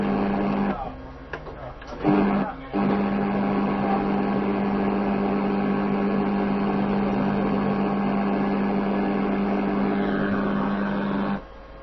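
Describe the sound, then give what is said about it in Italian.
A refrigerator motor hums steadily at a low pitch for nearly twelve seconds. There is a brief stutter near the start, then a constant drone until it cuts off at the end. “Il frigo sta funzionando? Sì. Cioè è acceso il motore? Sì.”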